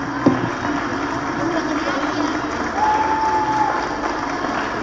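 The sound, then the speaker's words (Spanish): The audience of the show Operación Mamut applauds the whole team in a steady, dense wash of clapping that runs the whole time, with a brief high whistle-like tone cutting through partway along and crowd noise mixed in. “Les pido un aplauso para todo el equipo.”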